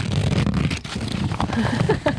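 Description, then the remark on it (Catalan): Crinkling, rustling paper with stiff crackles and soft flaps as a large handmade paper map, drawn by hand by a six-year-old child, is unfolded and shifted about, continuous for a couple of seconds. “Això sona a paper, eh? Sí. És que és un mapa.”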